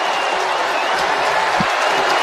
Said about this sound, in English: And the big roar you hear is the crowd reacting. It has gone final in San Francisco. Full time, as they like to say, in the world of football. 2-0, U.S. beats Bosnia Herzegovina.